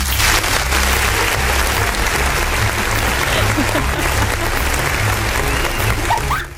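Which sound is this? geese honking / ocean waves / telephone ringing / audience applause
audience applause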